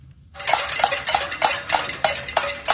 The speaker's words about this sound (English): Hundreds marched in the streets of the capital of Havana overnight, banging pots, burning trash, and shouting, "Turn on the lights."